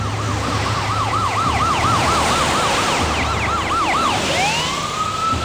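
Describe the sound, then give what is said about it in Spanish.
The siren of a pursuing police car, right behind the car it chases on a road exit, wails in a fast, repeating up-and-down pattern, loud, over the steady rumble of road traffic, then shifts into a long rising tone near the end. “Mientras Bennett oye las sirenas del coche perseguidor que se ha colocado justo tras él”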